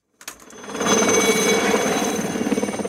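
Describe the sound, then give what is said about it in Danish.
A helicopter's rotor chops steadily and loudly, rising quickly from silence into a sustained, rapid pulsing roar that stays constant with no voices. The helicopter is landing on a lawn in Palm Springs, USA. “Starter vi i helikopteren, så ligner det et hvidt hav, omgivet af grønt græs.”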